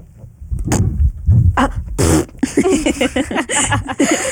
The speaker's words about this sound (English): we love our fart noises on this podcast.